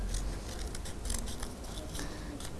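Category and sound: tool, scissors cutting cardboard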